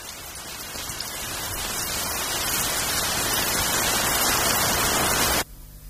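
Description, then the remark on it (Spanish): Dense, steady rain hisses, growing brighter and louder, then shifts into the crackling sizzle of bacon frying, used as a film Foley imitation of rain, before cutting off abruptly near the end. “A ver si adivinas cuál es la lluvia real y cuál es su Foley.”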